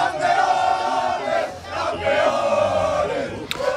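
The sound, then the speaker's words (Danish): A large crowd in Mataró, Spain, hometown of football star Lamine Yamal, roars and cheers celebrating Spain's extra-time win over Argentina to become world champions, a loud sustained wall of voices with rising shouts and chanting swells, dense throughout. “Og så kunne jublen bryde ud i den spanske fodboldstjerne Lamine Yamals hjemby Mataro.”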